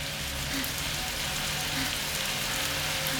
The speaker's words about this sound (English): As water rains down, the goo washes away. Triss glances around, standing naked under the shower.